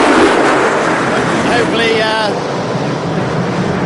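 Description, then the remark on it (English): A loud, steady roar of aircraft in the secondary flyover, broad and rushing like wind, holding level for about four seconds. Faint voices briefly surface beneath the noise midway through. “That was the secondary flyover.”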